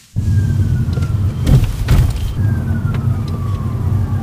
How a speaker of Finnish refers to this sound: Etäältä lähestyvän hälytysajoneuvon sireeniä muistuttavat vinkaukset kuuluvat, kun jalan nostaa kaasupolkimelta. Citroen EC3 ottaa energiaa talteen.